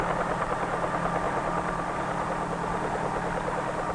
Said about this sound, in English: When the blades move fast enough, they provide the lift necessary to raise the helicopter off the ground and permit it to hover.